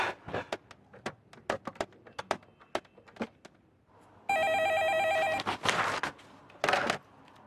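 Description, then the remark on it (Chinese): A quick run of sharp clicks as a telephone is dialed to place a call, then a loud warbling telephone ring that lasts about a second, followed by a few louder clattering bursts. No one speaks. “那这样，我不打保票啊，我打个电话试试，看能不能把报告给撤回来，好吧？”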